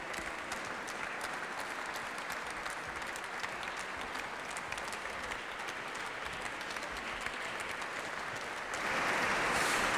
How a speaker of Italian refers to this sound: Accompagniamoli con un bel applauso meritatissimo per la corale che arriva dalla Lituania.